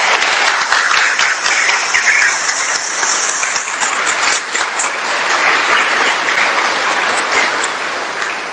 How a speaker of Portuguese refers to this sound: Vamos acolher esses novos integrantes com uma bonita salva de palmas.